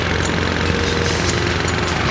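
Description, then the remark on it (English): A power tool roars loudly and steadily, a dense, grinding mechanical noise with a faint rapid rattle that never lets up, and no voices. “A lawnmower, power tools, rock music with headphones, rock music without headphones.”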